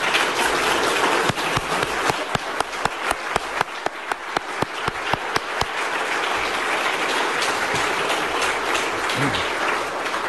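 Steady audience applause for an event organizer and those who support him, a dense wash of many hands clapping, with a series of sharper, louder individual claps punctuating the middle. No one speaks.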